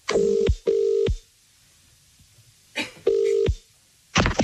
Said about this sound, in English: but if you have entered, stare at your phone now because we are calling one of you.